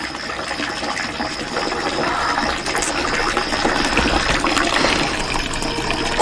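Water runs steadily from an open tap, a continuous splashing gush that holds the same level for several seconds with no voices over it.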